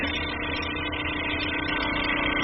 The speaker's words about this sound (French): on peut les mettre dans un tissulizer. Donc en fait, ça va agiter très rapidement avec des petites billes à l'intérieur.